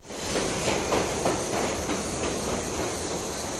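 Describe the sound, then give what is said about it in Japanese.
A departing train pulls away through the jungle, rumbling steadily along the rails with a broad, continuous roar and faint rhythmic clatter, holding an even loudness throughout with no voices. “300人ほどの人々が去りゆく列車の音を聞きながらジャングルの中に取り残されました。”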